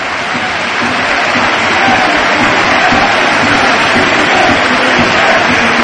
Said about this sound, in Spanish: Bueno, ahora os lo contamos porque esta es la ovación a Mikel Oyarzabal. Bueno, ha tirado el peto, lo ha tirado al suelo y se ha marchado directo al vestuario. Ovación a Anoeta, a su campeón del mundo.